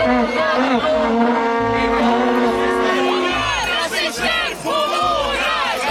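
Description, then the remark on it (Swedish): A loud, dense crowd of protesters boos and jeers without pause, with shrill whistles piercing through and cowbells clanging beneath the din, overwhelming; protesters disrupting a Sweden Democrats campaign meeting before the 2010 Swedish election. “Många protesterar, saboterar deras möten med koskällor, med visselpipor, burop.”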